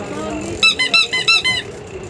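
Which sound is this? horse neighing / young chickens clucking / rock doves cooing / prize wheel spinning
prize wheel spinning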